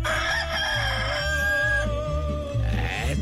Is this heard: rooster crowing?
yes